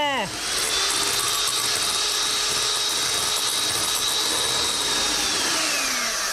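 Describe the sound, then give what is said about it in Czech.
A blender roars into action, its motor whine rising fast, then churning steadily and loudly through watermelon chunks and a small glass of water with a gritty, rattling texture before the pitch sags as it winds down. “Naházíte kousky melounu do mixéru a přidáte ještě malou skleničku vody.”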